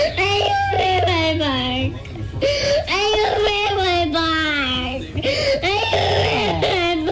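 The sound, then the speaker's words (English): A toddler whines out drawn-out, wailing words, "I want Fenway Park," each phrase sliding up and down in pitch with brief breaths between, loud and nearly continuous throughout. “It's overrated, kid.”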